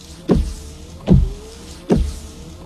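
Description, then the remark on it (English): Rain-X wiper blades sweep back and forth across a car windshield in a steady rhythm, each pass a motorized whir ending in a soft thump, repeating about four times with no talking. “It's Rain-X wiper blades.”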